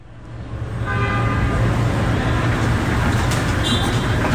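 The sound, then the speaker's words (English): Loud, steady street traffic in Lima, Peru, with a city bus engine rumbling, a low droning hum underneath and brief horn toots cutting through the busy roadside noise. “Peru's capital, Lima, is a bustling metropolis known for its food, its architecture, its sweeping sea views. And the bus network”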